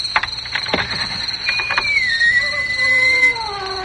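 A door creaks open slowly: a few soft clicks, then a long, high, wavering squeal of the hinge that drifts gradually lower and holds steady to the end.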